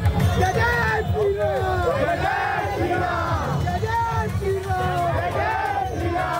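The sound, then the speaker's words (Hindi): A large crowd of devotees at a Durga Puja procession in Bhilai, Chhattisgarh, welcoming the arriving idol of Goddess Durga, raises loud, overlapping devotional cheers and shouts, voices rising and falling in waves over a dense, continuous hubbub of many people. “माँ की दिव्य प्रतिमा के आगमन के साथ ही पूरा वातावरण जयकारों से गूंज उठा।”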